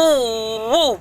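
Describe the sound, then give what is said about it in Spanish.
A voice imitates the odd noise of a car engine that won't start, in Betania, with a steady nasal drone that sags slightly, then swoops up and back down near the end before cutting off. “El motor hace un sonido raro, algo como que...”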